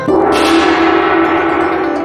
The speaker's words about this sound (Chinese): 还有那一敲就响的大铜锣。 你的脸上的表情是表示它真能响是吗？ 这声音真好听。 哦，真好听是吧？